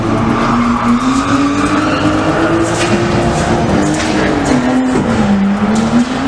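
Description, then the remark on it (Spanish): Illegal street racing in Badajoz, Spain: a car engine roars continuously at high revs while tires squeal in a long, wavering screech, loud throughout, with no voices present. “Este sonido, o alguno parecido, el de carreras ilegales que no dejan de crecer en la capital pacense.”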